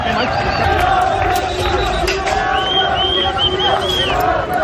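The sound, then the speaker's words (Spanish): A crowd of immigrants on high rocks shouting and chanting "viva la policía" together, a loud continuous mass of raised voices with overlapping calls rising and falling, some higher-pitched cries standing out above the din. “A gritos de viva la policía, gritaban ya resguardados los inmigrantes desde su altura.”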